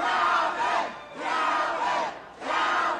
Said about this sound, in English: On November 15, 2025, election night, an exuberant crowd gathered to celebrate Calvin Duncan, Orleans Parish's newly elected clerk.